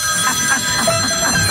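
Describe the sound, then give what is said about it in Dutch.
A telephone rings for a call to the M&M Lachlijn, ringing steadily for the whole moment, a bright, buzzy trilling tone with shimmering high overtones, sustained at a fairly loud, even level with no voices over it. “Bel de M&M Lachlijn.”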